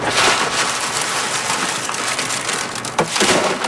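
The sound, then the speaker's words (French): Dry beans of the Alta de Moda variety being winnowed in the wind at Saint-Laurent on Île d'Orléans, Quebec, the grain pouring down in a dense, continuous pattering rattle like heavy rain, with a brief sharper clatter near the end. “Puis après, avec le vent, j'envoie ça ici, on appelle ça vanner. Je sais que là, avec le vent, la ça s'en va, puis le grain il tombe.”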